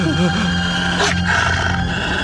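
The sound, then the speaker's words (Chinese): Several wolves growl in a low, continuous rumble, with rising snarls near the start and a harsh burst of noise around the middle. “这么多狼，大哥，这怎么办呢？”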